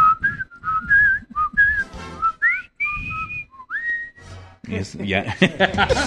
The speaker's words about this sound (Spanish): Ahí sí silba, ¿no?